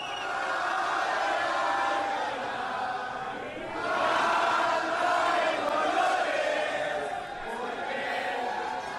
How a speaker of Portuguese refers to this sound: Essa é a música da torcida mexicana, olha aí.